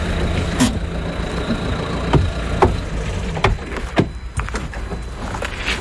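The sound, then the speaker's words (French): Steady, loud road rumble from inside a moving car on a 6 km drive to the Pointe du Groin near Cancale, a constant low drone with occasional brief knocks and clicks from bumps along the way. No one speaks. “Et pour ça, on prend la voiture, c'est à 6 km.”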